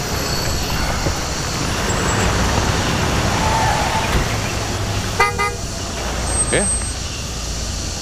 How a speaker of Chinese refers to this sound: 班里出啥事了？还来警车了？